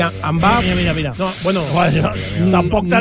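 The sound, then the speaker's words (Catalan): A voice imitates the whoosh of an air current felt passing on the left while walking in front of a Mercadona, as a man of at least 70 overtakes at a good pace: a steady breathy hiss lasting about three seconds with wavering, gliding vocal tones mixed in, fairly loud throughout. “Però l'altre dia anava jo caminant per davant d'un Mercadona i noto, com a la meva esquerra, com una corrent d'aire.”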